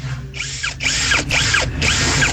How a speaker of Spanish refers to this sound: ¿Podemos revelar con qué hizo el sonido? Sí, con un taladro.